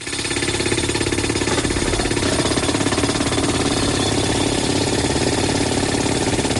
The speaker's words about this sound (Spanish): O sea, esto es lo que conocemos como el martillo neumático. Exactamente. Y es como el sonido que uno trata de evitar.